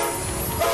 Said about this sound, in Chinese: 这是中欧班列出发的声音，河北制造，正沿着一带一路送到全世界的货架上。